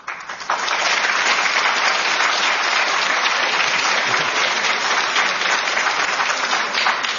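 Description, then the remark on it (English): Sustained audience applause, a dense crackle of many hands clapping at a steady, loud level from start to finish, with no talking over it. “Hold your applause because you may not like this.”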